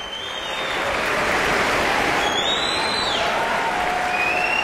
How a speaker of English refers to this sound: The audience jumped up onto its feet, and they're enthusiastically applauding and whistling this final performance of the Aspen Music Festival season. David Robertson bows and turns to the orchestra, acknowledging and applauding each section.